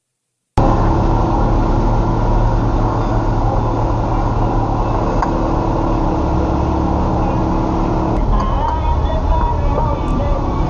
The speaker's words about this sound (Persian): اتوبوس می اومدن مامان، نیروها رو یادم نیست از اتوبوس پیاده میشدن.